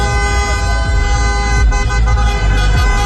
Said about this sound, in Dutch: Maar feest is er bij supporters van Marokko op allerlei plekken getoeter.